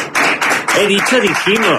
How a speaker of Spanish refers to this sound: Todos, por favor, fuerte aplauso para ustedes.